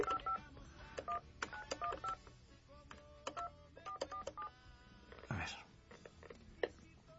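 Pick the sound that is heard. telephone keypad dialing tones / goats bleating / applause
telephone keypad dialing tones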